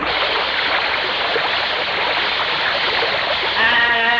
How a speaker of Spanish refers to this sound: Y este vidrio sí que está sucio, vaya. Ni se mira para el otro lado, gañote. Vaya, échale agua.